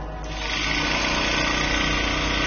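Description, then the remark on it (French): A bead mill tissue lyser, shaking samples very rapidly with small beads inside to grind them to powder and break down the tissue, whirs up to speed and runs with a steady, loud mechanical buzz and rattling vibration, a dense motor drone with no talking. “Donc en fait, ça va agiter très rapidement avec des petites billes à l'intérieur.”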